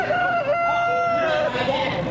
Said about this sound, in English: Today is Farm Family Day at the Missouri State Fair. And don't miss the rooster crowing contest. Here's one of the contestants.